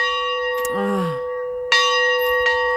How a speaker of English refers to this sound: You might know him from those famous bells that we have played every time we talk about his church.